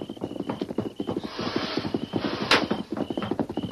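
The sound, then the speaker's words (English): A horse's hooves clip-clop in a quick, steady rhythm as the horse approaches, with a brief rough whinny rising in the middle and a sharp crack near the end. No voices. “What's that? A horse?”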